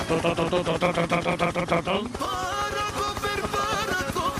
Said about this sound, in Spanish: Pero esto es el helicóptero con las hélices. Volando alto. Pero muy, un poquito más alto que aquí, sí.